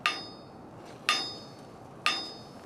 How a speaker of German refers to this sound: Dafür kommt jetzt dieser Hammer mit diesem langen Stiel zugute. Das ist ein sogenannter Klanghammer. Mit dem können wir hier unten gegen dieses Rad schlagen.